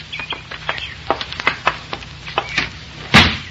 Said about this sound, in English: Open the door quick. Hey, you don't need the key. It's not locked. In you go, baby.